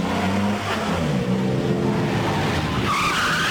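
A car engine roars loud, then tires squeal sharply near the end as the car skids to a halt at a runway where a plane is taxiing, and the driver jumps out; no voices are heard.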